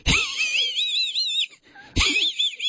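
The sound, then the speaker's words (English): A person imitates a cartoon dog's wheezy, hissing snicker in two strained bursts, the second cut short, with raspy breathy noise and squeaky pitch wobbles, fairly loud. “You remember Muttley from Wacky Races, though, because Muttley was a dog. That's right. And used to go like this.”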